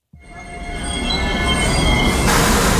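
A train rolls past at Praha-Bubny railway station in Czechia, its rumble swelling steadily while high metallic wheel squeals ring out over the steady roar. No one speaks.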